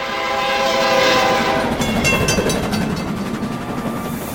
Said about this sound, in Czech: Najednou mostem zatřásl ohlušující řev. Plnou rychlostí se na ně valil vlak.